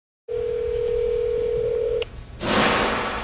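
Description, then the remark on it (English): A steady telephone dial tone from a phone call to the president of Colombia hums for nearly two seconds, then cuts off, followed after a short pause by a burst of hissing, static-like line noise. No voices. “Unfortunately, my phone call to the president of Colombia and Mark Carney inviting them over for dinner was not returned.”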